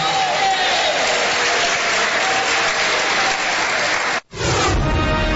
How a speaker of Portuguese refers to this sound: Quem aplaude a Jesus e dá glória a Deus.